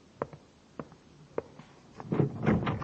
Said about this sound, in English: What was that noise? Who else is in this building? Nobody. Sounded like a door.